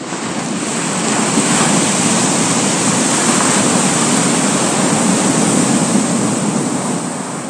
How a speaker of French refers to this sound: Des années plus tard, le Pacifique, bien que calme et tranquille de caractère, eut un véritable accès de colère. Il gonfla tellement que d'énormes vagues se brisèrent contre sa chère île.